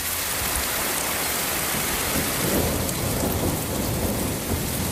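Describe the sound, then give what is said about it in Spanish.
Heavy rain pours in a steady, dense hiss while low thunder rumbles and rolls through the middle of a storm that struck several parts of the Madrid region, Spain, with no voices present. “Bajada notable de las temperaturas tras la tormenta que descargó con fuerza ayer en varios puntos de la región.”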